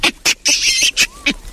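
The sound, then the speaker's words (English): A large monkey, one of the biggest monkeys, covered in hair and known for its bright red bottom, gives a loud, harsh shriek: a couple of short rasping bursts, then a long shaky, wavering screech, followed by two more sharp cries. No voices accompany it. “Who is making that shaky, screechy noise, do you think?”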